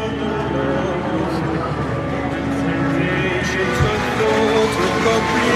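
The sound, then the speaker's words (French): A large crowd clamors and cheers as the Pope blesses them, flags waving, in a dense, continuous roar of many voices, staying loud and steady throughout with no pauses. “Vous entendez la clameur, la ferveur, la joie.”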